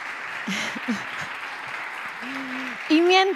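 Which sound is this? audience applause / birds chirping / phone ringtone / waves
audience applause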